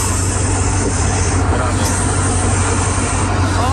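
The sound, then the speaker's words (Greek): A voice sent in as an audio message imitates a snake with one long, steady hiss that runs unbroken for several seconds, loud, with a low rumble underneath. “Ο … δίνει, έδωσε ηχητικό με φίδι. Παρακαλώ. Εγώ κάνω καλά το φίδι.”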